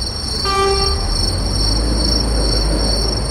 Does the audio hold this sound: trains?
yes